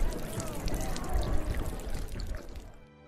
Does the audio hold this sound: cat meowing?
no